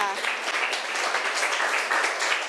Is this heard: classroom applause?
yes